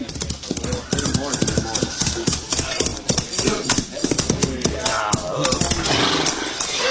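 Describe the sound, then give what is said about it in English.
Horse hoofbeats clip-clop in a steady, brisk rhythm as a lone rider approaches a halted troop of men about an hour from Bear Creek, fairly loud throughout, with voices and some rumbling background noise mixed in. “Rider coming this way, sir.”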